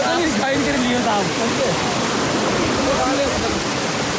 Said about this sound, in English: As the festival continues, water starts to flow steadily through the spring, carrying away weeds and algae, disturbed by villagers as they move through the stream.